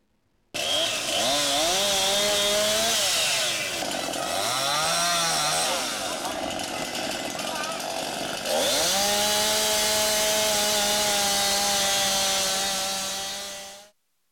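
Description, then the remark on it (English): A chainsaw roars loud at full throttle, cutting trees felled by wind gusts over 60 miles an hour in Kearney, its pitch sagging and recovering as it bites under load, then holding a steady high whine for several seconds before cutting off. “Chainsaws at full throttle.”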